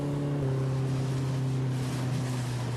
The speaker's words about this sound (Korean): 저기 배가 보입니다. 시간을 거슬러 가는 것 같습니다. 보트는 앞으로 가고 있는데 저희는 과거로 가고 있는 것 같아요.